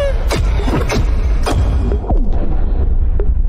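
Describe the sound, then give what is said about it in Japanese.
Video game explosions boom in quick succession, sharp blasts about every half second over a heavy, continuous low rumble, loud, then the blasts thin out toward the end. “え、待って、あれ爆発するの？海の。”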